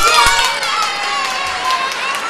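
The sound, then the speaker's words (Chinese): A crowd of children at a Shanshan Hongxing (Red Star) story session cheers and shouts over steady applause welcoming guests, a loud, continuous wash of high voices and clapping that holds for the whole clip. “大家用最热烈的掌声欢迎他们。”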